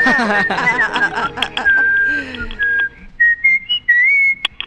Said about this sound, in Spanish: Ha sabido silbar el abuelito. Sí. Aún sopla.